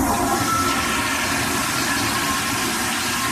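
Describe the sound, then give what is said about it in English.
A toilet flushes with a loud, steady rushing roar of water that fills the whole few seconds, constant, with no voices over it. “You think I should flush this little bastard?”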